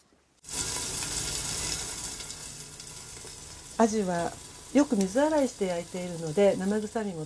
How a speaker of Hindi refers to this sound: एक frying pan को मध्यम आंच पर रखिए और उसमें एक छोटा चम्मच तेल डालिए। जब तेल पैन की पूरी सतह पर फैल जाए, तब मछली को पैन में रखकर ढक्कन लगा दीजिए। मछली का रंग हल्का भूरा होने तक 3 मिनट के लिए भूनिए।